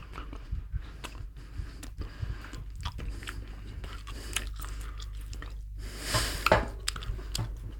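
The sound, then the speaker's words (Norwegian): Wet chewing of soft, warm mint chewing gum, with repeated squishy, sticky mouth clicks and smacks in an irregular rhythm, growing a bit louder and slurpier near the end; no talking. “Vi gir det en real taste-test.”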